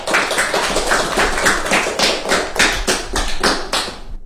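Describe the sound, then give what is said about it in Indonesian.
A group applauds steadily for about four seconds for a performer who has just sung a song, many hands clapping loudly together with a roughly regular, pulsing rhythm and no voices over it. “Terima kasih teman-teman, berikan tepuk tangan untuk teman kita yang sudah membawakan lagu dengan sangat merdu.”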